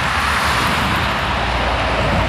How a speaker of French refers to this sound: Voilà, sa maison, elle est littéralement au bord de l'autoroute. Depuis son jardin, on voit les voitures et camions passer à 120 km/h et elle n'en peut plus. C'est un bruit sourd qui nous fait sursauter.